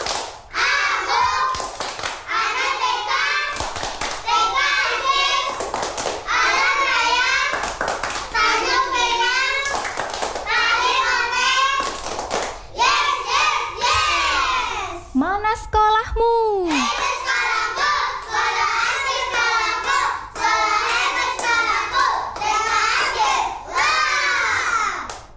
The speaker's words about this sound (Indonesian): Oh iya, anak-anak sudah siap belum? Yeah. Coba kita tes yel-yel sekolahnya dulu. Tepuk TKIT Ajkis.